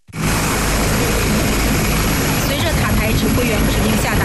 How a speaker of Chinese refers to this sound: 第73集团军某旅十多架不同型号的直升机依次升空，展开编队飞行、野外场地起降、机降突击等科目训练。